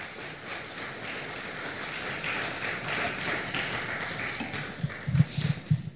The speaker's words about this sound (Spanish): ¿Cuántos dicen gloria a Dios? Otro aplauso, por favor, al Señor.